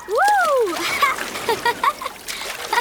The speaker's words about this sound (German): Wenn ich nur daran denke, höre ich schon die Wellen rauschen.